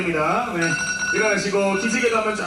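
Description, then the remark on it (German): An alarm clock rings after 90 minutes at a power nap contest in South Korea, with a bright, warbling electronic tone, loud, sounding continuously for a couple of seconds without pause. “Ja, nach 90 Minuten hat aber auch beim Powernap-Contest der Wecker geklingelt.”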